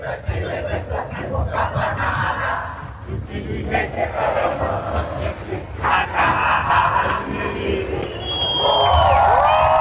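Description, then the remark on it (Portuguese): A loud Carna Lula rally crowd of demonstrators of all ages backing President Luiz Inácio Lula da Silva's reelection, with students carrying flags, drums and speakers in defense of democracy: many overlapping voices chatter and shout continuously, with scattered cheers and calls, and the noise swells a little louder near the end. “O ato reuniu manifestantes de todas as idades, incluindo animais, além de estudantes com bandeiras, tambores e caixas de som em defesa da democracia.”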